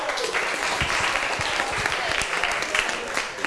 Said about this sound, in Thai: โอเคปรบมือให้เพื่อนหน่อย